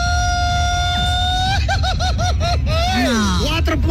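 A long Mexican grito in a grito battle, lasting 4.5 seconds: one high, steady yell held for over a second, breaking into rapid rhythmic warbling yips, then a sliding, falling cry, over a constant low rumble.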